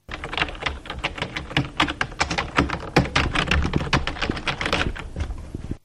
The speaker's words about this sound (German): Erraten? Das war eine Tastatur.